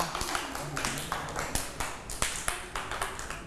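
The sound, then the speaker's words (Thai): A group of children clapping their hands for classmates who placed pictures correctly in a class activity, a quick, uneven patter of sharp claps for a few seconds, moderately loud, with faint voices in the background. “เพื่อนๆ นะคะได้นำภาพมาติดได้ถูกต้องเลยเด็กๆปรบมือให้เพื่อนๆด้วยค่ะ”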